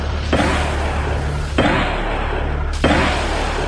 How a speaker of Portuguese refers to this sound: Durante o acompanhamento, os indivíduos efetuaram disparos contra a guarnição.